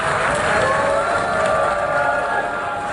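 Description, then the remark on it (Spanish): A large crowd boos Israeli Prime Minister Benjamin Netanyahu in the United Nations General Assembly hall in New York as he prepares to begin his speech, a loud, steady roar of many voices that holds without a break for the full three seconds, with no single speaker standing out. “Así recibían a Benjamín Netanyahu, el primer ministro israelí, con abucheos en la Asamblea General de Naciones Unidas, donde decenas de personas han abandonado la sala del plenario cuando el primer ministro se preparaba para iniciar su discurso.”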